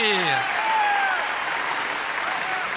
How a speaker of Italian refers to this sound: Facciamo un grande applauso al cancan della Maestrocchi.